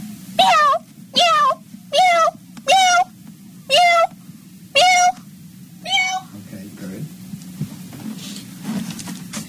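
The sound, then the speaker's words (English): A person imitates a cat into a microphone with a quick series of about seven evenly spaced, loud meows over a low background hum, the last one softer, followed by quiet shuffling. “Just, it can only just, it can be like 10 seconds of just like different types of meowing.”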